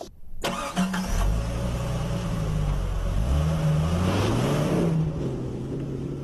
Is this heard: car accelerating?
yes